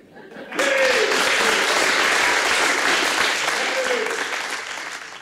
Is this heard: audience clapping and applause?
yes